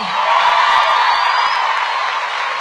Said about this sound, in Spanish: ¡Otro aplauso más fuerte!